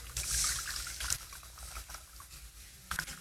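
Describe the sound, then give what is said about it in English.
Water sprays and patters in a steady hiss from a nozzle as it is turned, with brief louder bursts near the start and again near the end as the flow shifts. No one speaks. “And the reality is, as I turn the nozzle, this is you and your option for obedience.”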